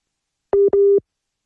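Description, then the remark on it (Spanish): A phone busy tone from a dropped WhatsApp call: two short, steady electronic beeps in quick succession, clear and fairly loud, with silence before and after and no voices. “por WhatsApp y eso nos genera algunos problemas de conexión, pero ya vamos a intentar restablecer la comunicación”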